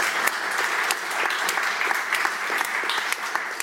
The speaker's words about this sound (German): einen großen Applaus für unsere tolle Kunsterklärerin.